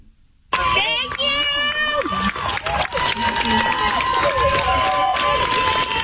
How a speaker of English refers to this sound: First of all, these are female protesters applauding her defense attorney and thanking him.